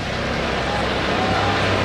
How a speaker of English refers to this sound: Chopper flying by overhead.